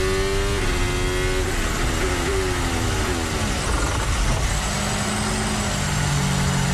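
A loud, high-revving Formula 1 car downshifts while braking for the last corner, then runs straight on: its sharp engine whine drops in pitch through several quick gear changes, then settles into a lower steady drone, continuous.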